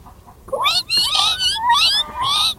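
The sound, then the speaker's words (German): Twin kittens squeal shrilly in a quick run of four or five high, wavering cries, each rising and bending in pitch, loud and with no one talking. “Die Zwillinge quietschen grell.”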